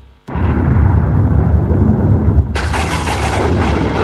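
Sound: thunder rumbling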